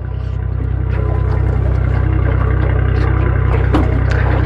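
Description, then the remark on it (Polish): A small aluminium boat's motor idles steadily as the helmsman unmoors the boat and takes the helm, a low droning rumble with faint knocks and water splashes scattered over it, no voices present. “Sternik nasz odsumowuje naszą łódkę. Zasiada za sterem.”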